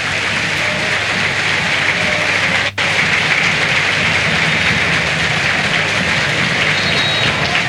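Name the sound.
stadium crowd ovation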